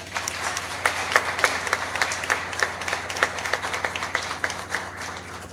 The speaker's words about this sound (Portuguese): Uma salva de palmas.